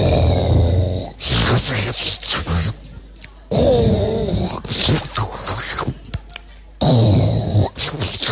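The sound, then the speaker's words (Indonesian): A voice imitates snoring, alternating rough, rasping exhales with wet, sucking inhales in a loud, uneven rhythm of several breaths with brief pauses between. “Jadi keluarnya ngorok, nariknya nyedot, iler.”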